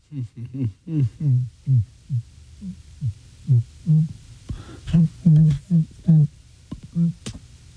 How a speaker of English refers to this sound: I was just humming right there, no?